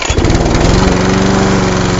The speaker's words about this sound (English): The Triple Town Crown of Saskatchewan lawnmower races kick off this weekend in the RM of King George, just north of Beachy, Saskatchewan. Souped up lawnmowers and the folks who have put a lot of time and effort into their machines,